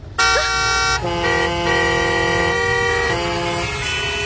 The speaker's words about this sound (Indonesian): Habis itu, kalau lampu hijau, jangan lupa pencet klakson. Hah? Pencet klakson, Pak? Bukannya kalau lampu hijau itu harusnya... Pencet klaksonnya, pencet, pencet!